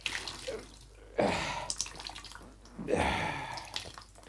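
Water splashes and trickles in two bursts as a water-soaked rag is wrung out, the wet gushes fading into dripping between them, with no talking.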